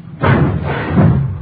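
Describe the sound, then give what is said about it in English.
A heavy garage door is hauled open on a chilly day with a loud, rumbling scrape and dull thuds, a low rolling noise that swells twice over about a second, with no voices. “Watch the door,”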